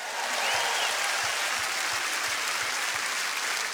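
A round of applause from a show audience, dense and steady clapping that holds at a fairly loud level throughout, with no voices standing out.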